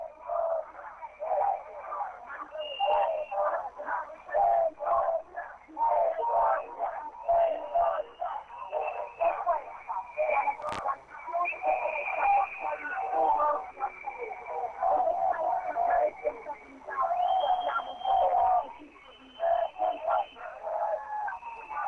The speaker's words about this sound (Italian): È terminato in questo momento l'intervento di Daniela Fumarola, coperta dai fischi della contestazione che è andata avanti per 10 minuti del suo intervento, un intervento di 11-12 minuti completamente contestato, fischiato, urlato.